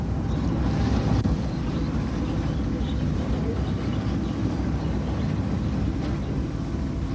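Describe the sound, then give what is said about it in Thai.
A light-lure fishing boat floats idle at sea in the darkness over a coral reef, its engine or generator giving a steady, deep rumbling hum that stays constant throughout, with a faint wash of water and wind and no voices. “ามกลางความมืดมิดของท้องทะเลเรือไฟล่อปลากำลังจอดลอยลำอยู่เหนือแนวปะ”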